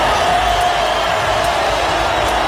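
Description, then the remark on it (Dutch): A large stadium crowd in Miami roars steadily at a World Cup football match between Brazil and Scotland, Brazilian fans cheering and applauding as Neymar comes on: a dense wash of cheering and applause filling the space, loud and continuous with no single voice standing out. “Applaus in Miami.”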